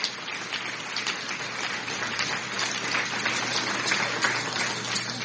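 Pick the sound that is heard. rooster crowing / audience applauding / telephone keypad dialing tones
audience applauding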